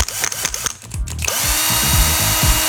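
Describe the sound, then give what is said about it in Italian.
A cordless drill stutters through a few short bursts, then runs continuously with a steady, loud whirring buzz until the end. No one speaks. “E allora mi dite: Sile è un trapano a batteria, Alessandro da Modena.”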